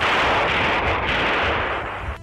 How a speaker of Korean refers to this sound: 그는 달려가며 권총을 하늘에 대고 연속 세 방 쏘았다.